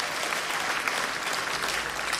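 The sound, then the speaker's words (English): A concert audience in Minneapolis applauds with steady, dense clapping, a broad wash of many hands filling the space at an even loudness throughout, with no voices standing out. “Clap your hands if you've heard the album already, if you've heard ….”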